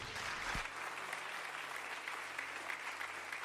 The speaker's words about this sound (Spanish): denle un aplauso a Dios.